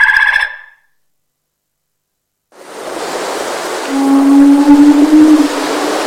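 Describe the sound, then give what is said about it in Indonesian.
A deep, drawn-out whale moan rises out of a steady wash of underwater ocean noise, holding one low tone for a couple of seconds before fading back into the hiss. “Paus. Kita akan membahas hewan yang satu ini.”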